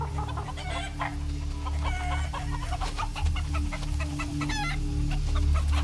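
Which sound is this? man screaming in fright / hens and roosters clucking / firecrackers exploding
hens and roosters clucking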